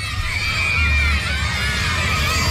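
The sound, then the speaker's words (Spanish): A loud, dense crowd in San Juan Bautista, Misiones, shouting and cheering to welcome Diego Gómez, many voices blending into a sustained roar with high-pitched yells on top, energetic throughout. “Griterío total en la zona de Misiones, San Juan Bautista.”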